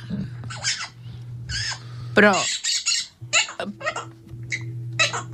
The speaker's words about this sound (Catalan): En Quico està, com dir-ho de manera fina, està en zel. Busca marella i està tan excitat que el menjar és l'última de les seves prioritats. En cel? El lloro està sortit?